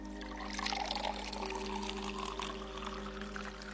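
Water pours steadily into a glass for a few seconds, a continuous bright splashing trickle with a faint rising tone as it fills, over a low steady hum.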